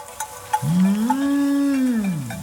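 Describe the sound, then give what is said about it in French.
A cow lets out one long, low moo that swells and holds steady for nearly two seconds before trailing off, with a few faint clicks around it. “Le son de la voix parcourt l'air et se propage de montagne en montagne pour arriver jusqu'à l'oreille des vaches.”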